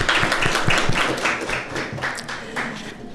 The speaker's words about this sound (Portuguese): Parabéns à Marinha do Brasil pelos seus relevantes serviços prestados à nação. Muito obrigada e uma salva de palmas para a nossa Marinha.